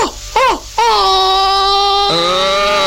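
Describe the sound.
A person imitates a dog howling: two short rising-and-falling yelps, then one long, loud, sustained howl that wavers slightly and drops in pitch near the end, with no other sounds.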